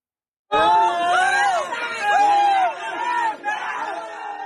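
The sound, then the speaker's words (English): Rescuers in central Laos cheer and shout together after finding five people alive in a narrow cave, loud overlapping voices rising and falling in excited bursts for several seconds without a break. “In central Laos, cheers from rescuers after they found five people stuck in a narrow cave alive.”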